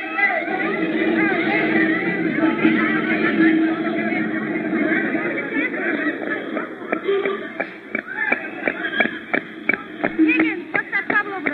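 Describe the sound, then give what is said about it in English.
A dense crowd shouts and clamors together as it chases somebody, and partway through a rapid, uneven patter of many running footsteps breaks in beneath the yelling, growing sharper toward the end. “Miss, the crowd seems to be chasing somebody.”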